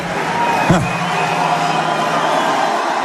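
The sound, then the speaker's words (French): A dense, continuous roar of a packed crowd of over 10,000 people cheering and clamoring at a Jean-Luc Mélenchon rally in the Zénith of Clermont-Ferrand, with a brief sharp whoop rising out of the din near the start, loud and sustained throughout. “Le Zénith de Clermont-Ferrand, plein comme un œuf.”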